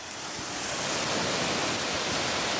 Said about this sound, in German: hat im Gehege der Alpakas den Wasserschlauch schon in der Hand. Na dann, kann losgehen. Okay, dann machen wir Wassermarsch.